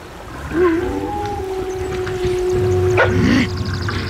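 An approaching pack of wolves howls in long, sustained tones that overlap and rise and fall, with a few short yelps near the end, moderately loud, with no talking.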